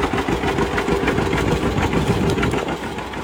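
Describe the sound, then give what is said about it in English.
An old antique tractor engine idles steadily at the Old Glade Antique Tractor Association Summer Show. Its loud, rough chugging thumps in an even rhythm, with a rattly mechanical clatter throughout. “The Old Glade Antique Tractor Association Summer Show, preserving the past for the future.”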